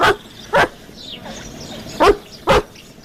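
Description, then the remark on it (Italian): A Great Dane in a scene from Renato Pozzetto's film Grandi Magazzini barks loudly, four deep barks falling into two pairs with a short pause between them, over quiet background with no talking. “Ricordiamo che è un alano tipo.”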